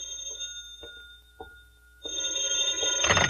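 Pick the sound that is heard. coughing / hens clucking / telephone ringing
telephone ringing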